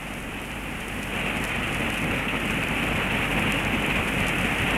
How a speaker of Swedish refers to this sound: Fyrisån är stor och mäktig i år. Den väller fram nästan med en flodstyrka. Och bruset av det vita fallet blir nästan öronbedövande ibland.